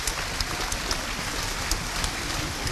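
A crowd applauds steadily, a dense crackle of many hands clapping at an even level for a few seconds, with no voices on top.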